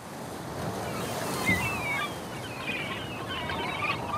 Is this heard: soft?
no